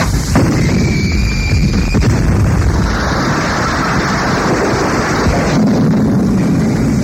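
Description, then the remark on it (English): A gun goes off with a sharp, loud blast near the start, then a heavy, continuous roar and rumble carries on, like wind and a churning engine, with no voices. “Who fired that gun?”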